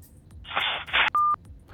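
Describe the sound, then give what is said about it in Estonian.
A harsh burst of telephone line noise crackles for about half a second after a caller hangs up, then a single short, steady electronic beep tone sounds clearly on the line, with no voices. “Nii, seal pool visati toru ära, pole hullu midagi”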